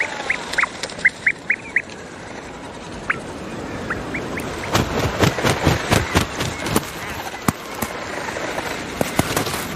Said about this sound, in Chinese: 北极海鹰也需要食物，巢穴中传来雏鸟对父母的呼唤。